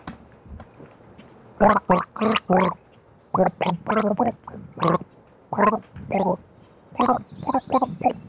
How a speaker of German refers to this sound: Ach so, das hat geheißen, ich gurgel jetzt. Ja. Komische Deutung. Ich hab das Glas gedeutet.